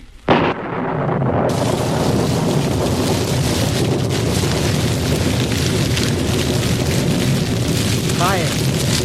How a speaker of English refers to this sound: Fire from heaven. It is burning the bullock, even the stones of the altar and the water in the trench.